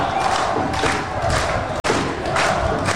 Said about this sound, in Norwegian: Vi ser mer applaus for Patrick Berg. Vi skal garantere dere. Folk står og applauderer som bare det.